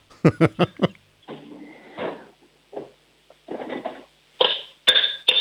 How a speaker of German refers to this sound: Lauf mal in die Küche, hol dir einen Kochtopf und einen Löffel und dann schlägst du mal mit dem Löffel auf den Topf drauf.